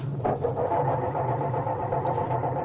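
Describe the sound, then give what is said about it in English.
A car engine cranks over and over without catching because the coil wire to the distributor has been removed, a steady labored grinding drone that holds at an even, fairly loud level from start to finish. No one speaks. “It sounds like our culprits are having trouble starting Dennis's car.”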